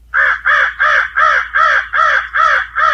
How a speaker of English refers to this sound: Then there are the birds of prey. Commonly heard are the crow